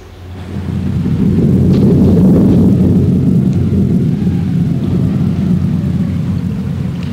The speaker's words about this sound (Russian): Давно собиравшаяся гроза разразилась. Дети укрылись под деревом, но дождь пробирался сквозь листву, и негде было спрятаться от него.